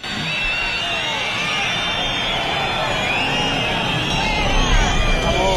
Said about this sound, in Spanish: Solo 5 días después de la muerte de Germán y Jerónimo persiguiendo a una narcolancha en Huelva, Grande Marlaska recibía pitidos y abucheos en este acto de la Benemérita.